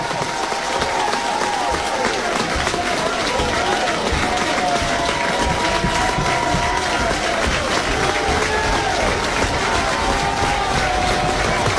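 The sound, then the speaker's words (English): A baseball stadium crowd stands and cheers in a steady, loud roar mixed with clapping and scattered shouts, with two outs and a runner on second as Dayton LaChance bats on a 1-2 count, holding at an even level for the whole twelve seconds with no single voice standing out. “Crowd stands.”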